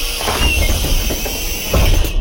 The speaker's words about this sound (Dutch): Het openen van de deuren van de lijnbus waar ik nu in rijd. Oh ja, dat was een gaaf geluid, want dat heb ik jaren gehoord natuurlijk als ik naar school ging in die bus.